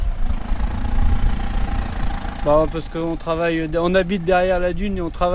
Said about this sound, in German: Der 25-Jährige mit den blonden kurzen Haaren und riesigen gelben Gummistiefeln an den Füßen fährt einen der zwei Traktoren an diesem Nachmittag. Interview auf der Trittleiter seines motorisierten Ungetüms.